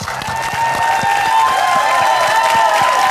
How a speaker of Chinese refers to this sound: 另外呢，还有我们现场来自各个俱乐部的朋友们，同样把掌声送给他们。